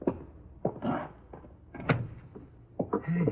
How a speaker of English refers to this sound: Door's open. Go in.